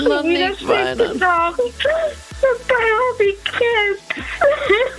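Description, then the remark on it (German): A woman cries and whimpers, her voice wavering and breaking into moaning, sobbing bursts with short catches of breath in between. “Ja, scheiße, ich muss weinen.”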